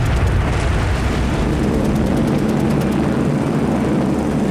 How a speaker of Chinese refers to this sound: 1938年11月8日，天空中突然传来大片飞机引擎的轰鸣声。就在这一天，加拿大学校的孩子和当地的百姓一起，共同经历了日军对成都的第一次大轰炸。